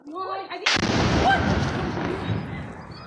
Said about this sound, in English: The RSF targeted a weapons depot, causing several powerful explosions.